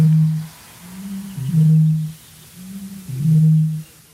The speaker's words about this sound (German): Aber hier kommt der Gegner, die Rohrdommel, circa 8-mal größer als der Zaunkönig. Und Achtung, sie beginnt.